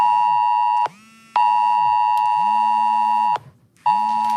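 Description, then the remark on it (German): A loud, harsh AT-Alert emergency warning tone on a mobile phone, the first signal of a civil protection test alarm shortly before 12 noon, blares in long repeated bursts with short gaps between them, a buzzing steady pitch layered over a lower swooping tone, with no one talking. “Dieses Geräusch wird Ihr Handy gleich machen.”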